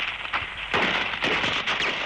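A rapid series of landmine explosions on a steep cliffside mountain path in snow: about three sharp booming bursts in quick succession with a crackling tail between them, fairly loud, throwing pits of snow high into the sky, no voices.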